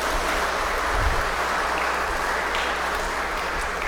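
Steady, dense applause from a crowd congratulating a man on completing his social service year as a doctor, a continuous wash of clapping at even loudness with no speech over it.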